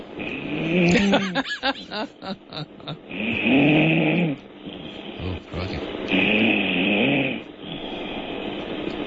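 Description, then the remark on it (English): Loud, rasping snores from a woman come through a tinny phone line, several long drawn-out breaths in slow succession, with a brief voice exclaiming near the start. “She's going to snore herself awake by the sound of it.”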